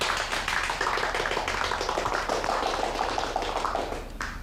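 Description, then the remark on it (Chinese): A group of people clap together to welcome a newly appointed neighborhood committee director, a dense, steady patter of many hands that keeps up for several seconds before thinning out at the end. No one speaks. “大家鼓掌欢迎。”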